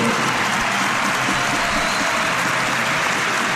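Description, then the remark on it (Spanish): A large arena crowd at a Liga Endesa basketball game applauds steadily as Breogán's number 10, Francis Alonso, is introduced; a dense, continuous wash of clapping that holds at an even level throughout, with no voices standing out. “Aplausos, lógicamente, para el segundo máximo anotador de la Liga Endesa, el dorsal número 10 del Breogán, malagueño, unicajista, que por esto del baloncesto profesional pues está buscándose las habichuelas en el campo de Lugo,”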